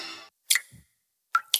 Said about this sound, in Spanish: ¿Y eso qué se oye? Ah, eso. Nada, que me gotea la ducha.